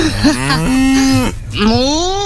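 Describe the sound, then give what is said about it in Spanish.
A person imitates a cow, giving two drawn-out, wavering moos in a low voice, loud, with a short breath between them. “La vaca. Sí, sí, pero el sonido hay que imitarlo.”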